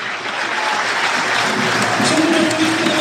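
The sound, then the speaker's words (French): A large crowd at Le Basser stadium applauds steadily as player Mathis Oudéyé is substituted off during a Stade Lavallois play-off football match, a dense continuous patter of clapping at full volume throughout, with faint vocal tones rising from the stands toward the end. “Très applaudi aussi par le public de Le Basser et c'est mérité, ouais, mérite, pour Mathis Oudéyé que l'on reverra certainement l'année prochaine sous le maillot tango.”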